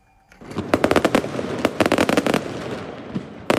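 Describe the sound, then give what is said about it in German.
Fireworks crackle and bang in a dense, rapid-fire barrage, sharp loud pops piling over a steady hiss of smaller bursts for a few seconds, with no voices, as Prime Minister Albin Kurti's Vetvendosje party celebrates its election victory in Kosovo. “Mit deutlichem Vorsprung und viel Feuerwerk.”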